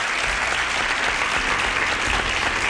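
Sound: applause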